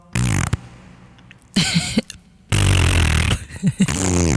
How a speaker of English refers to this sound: if we had to replace clapping, why don't we do blowing raspberries? It makes as much noise, and if you're lucky, you'll make a fart sound. Just going to test that now.